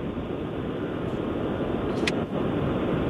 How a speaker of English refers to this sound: Sounds like he's in the car.